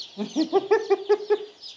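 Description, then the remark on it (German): A run of about seven quick, evenly spaced clucks from a hen, with thin high peeping from chicks chirping faintly underneath throughout. “Die braunen Küken sind immer Hennen.”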